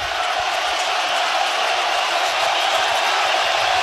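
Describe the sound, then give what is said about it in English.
A huge crowd roars without pause at a baseball game, a dense wall of cheering and yelling that stays loud and steady throughout, with no single voice standing out. “I've never heard this place this loud.”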